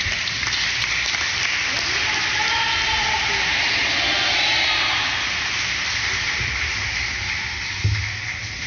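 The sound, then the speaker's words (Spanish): An audience applauds steadily for several seconds after a priest's blessing, a dense wash of clapping that stays fairly even in loudness without fading out, with no one speaking over it. “Un aplauso ahora.”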